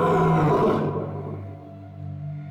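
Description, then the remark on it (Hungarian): A lion caught in a net lets out one loud, rough roar that bursts at full force, then quickly fades into a deep, rumbling growl trailing off over the next couple of seconds. No voices. “A hálóba akadt oroszlán akkorát ordított, hogy az 7-7 határon túl is hallatszott.”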